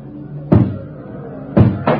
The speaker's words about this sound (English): And then when I heard the door come down, I knew I was through.